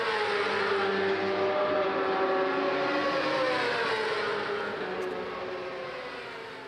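A racing motorcycle engine screams at high revs on a training day at the Mugello race track, with its 5.2 km lap, training for the Women's European Cup; its pitch shifts through gear changes as it roars past, then fades slightly toward the end. No voices are heard.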